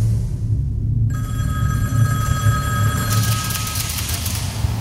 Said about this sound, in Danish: Ja, virkeligheden kalder, der er en telefon, der står og ringer.